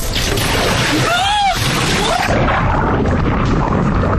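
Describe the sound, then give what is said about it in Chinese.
A window is broken on a car that has fallen into water: a loud burst of rushing, splashing water, with a brief ringing tone near the middle, then a steady churning roar as water floods in and the car body suddenly sinks. “玻璃碎裂的那一刻，车身猛地下沉，几秒钟就到底，人在里面连反应的时间都没有。”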